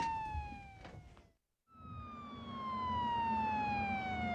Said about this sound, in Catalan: Companys, podeu apagar el soroll de la sirena?